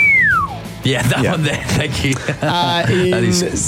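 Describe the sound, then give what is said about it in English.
A single sad slide whistle glides downward in pitch for about half a second, then people start talking over a busy, music-like background. “Can you do a sad slide whistle for us, please?”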